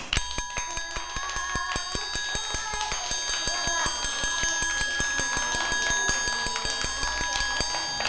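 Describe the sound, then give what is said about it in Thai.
A teacher taps out a fast rhythm, about five even strikes per second for several seconds, each hit sharp with a bright, lingering ring like a small bell or metal instrument. “เดี๋ยวเด็กๆมาฟังจังหวะที่ครูหญิงเคาะกันต่อเลยค่ะ”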